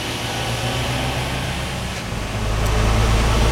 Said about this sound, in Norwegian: Lastebilen til Ole Tom Stoa kjører inn portene til industribedriften Ulefoss tidlig på morgenen.